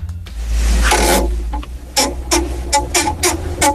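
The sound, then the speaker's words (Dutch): A desk exercise bike (home trainer) creaks and rasps as it is pedaled during a weather and traffic report, with loud scraping squeaks repeating in a steady rhythm over a low mechanical rumble. “onder het presenteren dan heb ik gewoon een geweldige kraak op de achtergrond”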